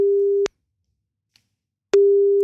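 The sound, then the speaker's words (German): A telephone ringback tone while placing a call: a steady, low electronic hum that cuts off, leaves about a second and a half of silence, then sounds again. It is clear and fairly loud, with no voices. “Sobald er rangeht, laufen deine 30 Sekunden.”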